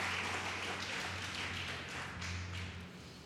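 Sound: audience applauding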